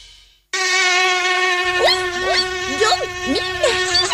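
After a brief silence, a mosquito's high, steady whining buzz starts up loud, droning continuously to the end while short squeaky chirps flicker over it.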